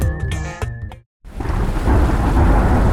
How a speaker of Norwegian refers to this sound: Ja, der kom regn igjen.